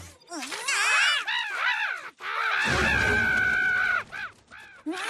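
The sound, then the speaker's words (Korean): Several crows caw loudly in rapid, overlapping bursts of harsh, arching calls, with a sustained raspy squawk and a brief rumbling noise in the middle before a few final caws. “여전히 까마귀들은 잘 쪘네.”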